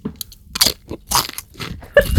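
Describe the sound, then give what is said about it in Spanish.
Loud crunching of a potato chip being chewed, with several sharp, crackly bites in an irregular rhythm over about two seconds and no talking. “Oye, Lucía, ¿quieres una patatilla, hija?”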